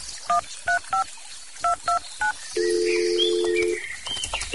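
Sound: telephone keypad dialing tones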